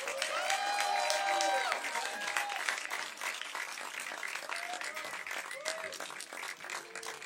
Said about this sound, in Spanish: aplausi